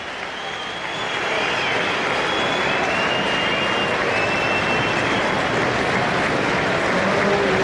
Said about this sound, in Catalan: Però és que fins i tot hi ha aplaudiments.